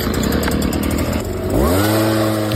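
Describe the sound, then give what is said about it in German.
A small, loud petrol leaf blower engine runs with a rough buzzing drone in autumn, then revs up sharply with a rising whine partway through and holds at a high, steady pitch. “Es ist wieder Laubbläserzeit.”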